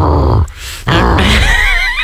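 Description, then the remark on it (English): An exaggerated throat clearing: two loud, rough, guttural bursts split by a brief pause, the second longer and more strained, with a growly, groaning edge. No one speaks. “Do you ever clear your throat, like, or is it just me?”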